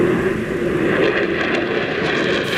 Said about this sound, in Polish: trzy kupione od Amerykanów jeszcze w 20 roku samoloty F-35, wykonały symboliczny lot nad Polską. Wystartowały w bazie lotniczej w Łasku, przeleciały nad Gdańskim Westerplatte, nad Wisłą, w Warszawie i w Krakowie.